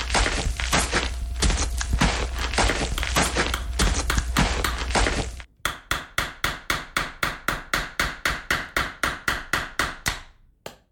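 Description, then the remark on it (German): Steady hammering by a man at a construction site: a dense, rapid flurry of blows at first, then about twenty evenly spaced, ringing strikes in a regular rhythm, fairly loud, with no voices. “Mal den Herrn hier an der Baustelle.”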